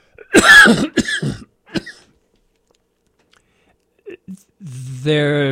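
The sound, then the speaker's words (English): A loud burst of three harsh coughs in quick succession, then a few seconds of quiet before a couple of small throat clicks and a drawn-out voiced throat-clearing sound. “But hang on a sec, I'm too busy coughing.”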